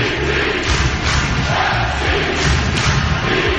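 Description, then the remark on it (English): A loud, dense stadium crowd of Portland Timbers Army soccer supporters in Portland chants and cheers continuously, a roaring wall of massed voices with thumping drum-like beats underneath, sustained throughout. “101.9 things we love about Portland. Number 14, the Timbers Army.”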